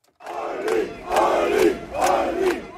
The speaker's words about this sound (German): Jubel seiner Fans für Ulrich Siegmund, den Spitzenkandidaten der AfD, die um eine absolute Mehrheit kämpft.